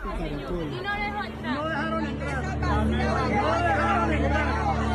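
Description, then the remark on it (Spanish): A dense crowd murmur at the door of the consulate in Atlanta, many overlapping voices talking at once, a steady babble of chatter that grows slightly louder midway and stays busy throughout, with a low hum underneath. “Nos está llegando el sonido de Atlanta. La cosa es complicada, Ana, en Atlanta. Escuche usted lo que está pasando en la puerta del consulado.”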